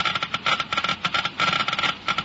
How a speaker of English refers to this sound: You have just heard Geiger counters clicking off the scientific proof that new RPM motor oil is years ahead.